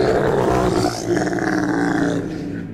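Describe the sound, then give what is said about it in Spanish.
A loud, deep roar rumbles continuously for a few seconds with a throaty, vibrating texture, briefly dipping before surging again and tapering off at the end. No talking. “Sí, se escuchó como un rugido.”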